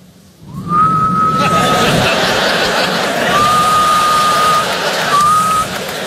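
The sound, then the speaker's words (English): A person gives a thin, feeble attempt at a dad whistle: a steady single-pitched note, a pause, then a longer note with a short tail, all half-buried under loud crowd laughter and chatter. “I don't have that dad whistle. I don't have it. This is my dad whistle. This is what I have.”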